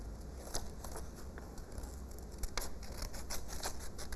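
Scissors snip through paper, cutting out a coloured-in picture of a vehicle, in a steady series of short, crisp cuts, fairly quiet, with a few louder snips near the end and no talking.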